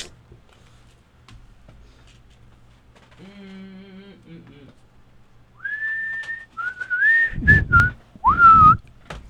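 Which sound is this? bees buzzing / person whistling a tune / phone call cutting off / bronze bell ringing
person whistling a tune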